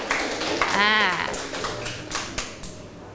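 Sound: classroom applause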